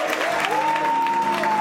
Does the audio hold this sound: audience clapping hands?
yes